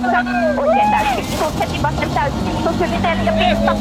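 A rally car engine roars from inside the cabin of Pekka Lappi's car, loud, its pitch climbing and dropping as the driver works through the revs over a constant rumbling road noise.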